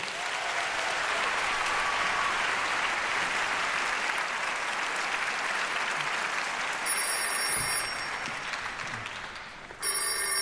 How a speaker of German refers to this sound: Und heute dirigiert der Chef persönlich. Der kriegt natürlich einen größten Applaus.